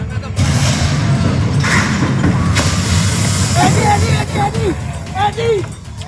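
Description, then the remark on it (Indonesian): Heavy machinery pushes a truck loaded with oil palm fruit, which has a broken axle, up off a river-crossing pontoon at an inter-village crossing in Tebo Ilir District. The engines rumble loudly and continuously, with a few dull bangs, while people shout and call out in the background. “sebuah truk bermuatan sawit ditolong dan didorong sebuah alat berat agar dapat naik dari ponton penyeberangan.”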